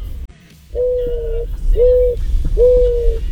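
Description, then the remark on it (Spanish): A turtle dove coos three times, each call a smooth, sustained note of under a second, evenly spaced, over a low background rumble with no talking. “Esa es una tórtola.”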